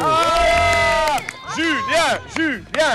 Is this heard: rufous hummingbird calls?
no